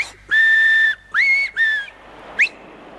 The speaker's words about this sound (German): Zeit, auf den Finger zu pfeifen. Dreimal. So.